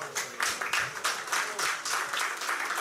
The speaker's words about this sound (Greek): Θερμά συγχαρητήρια στη χωράρχη μας, στην χοροδία μας, στους ομιλητές μας. Τους ευχαριστούμε με ένα θερμό χειροκρότημα.